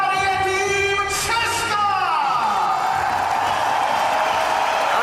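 A loud crowd in the packed Libeň hall cheers as the Czech team takes the court for a Davis Cup tie, roaring without pause, with sustained whoops and tonal chanting voices rising and then sliding down over a constant wash of noise.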